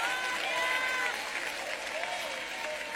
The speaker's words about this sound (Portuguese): Aplaude a Ele, glorifica, você que anda com Ele, dê glória.